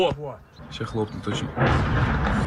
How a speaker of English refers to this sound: Filming on a smartphone, someone captures the moment. A drone strikes a block of flats just outside the Russian capital.